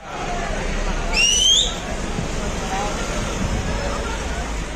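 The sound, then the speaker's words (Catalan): A noisy crowd din from a street clash at Platja de Palma, where a street vendor was detained after about 40 people tried to stop it; one shrill, rising whistle blast early on, followed by steady, rough hubbub of many voices and general commotion. “Això que sentim és l'enfrontament a aquesta hora baixa a Platja de Palma.”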